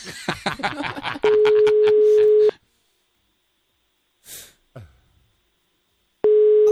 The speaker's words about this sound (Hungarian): Még nem hallja, hogy csörög a telefon.